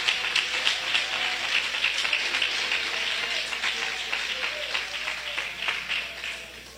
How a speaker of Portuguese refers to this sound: Se você acredita nisso, pode bater as palmas para Jesus. Pode bater a palma para Jesus.